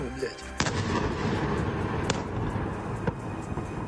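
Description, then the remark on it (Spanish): Explosions from Russian missile and drone attacks on Kyiv, Ukraine, thud repeatedly overnight over a steady rumbling background, with several sharp booms standing out at irregular intervals. “Esas son las explosiones que se escuchaban esta pasada noche, que según el ejército y el alcalde de la ciudad han dejado varios edificios residenciales dañados.”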